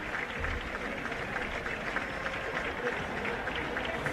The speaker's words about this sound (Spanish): Los aplausos son porque sale Belgrano a calentar.